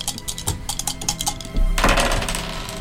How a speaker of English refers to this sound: You have two dice, don't you? Three. Three dice. Congratulations. Yeah. Alrighty. Yeah, roll your three dice.